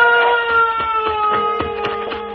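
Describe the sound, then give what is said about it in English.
A bell rings steadily, its bright metallic tone sustained throughout, with a series of sharp irregular knocks or strikes cutting through the ringing. Fairly loud, with no talking. “Do you hear that bell?”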